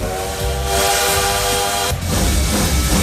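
A loud, sustained steam train whistle blows over chugging, hissing rail noise, then cuts off briefly as the rumbling engine sound continues.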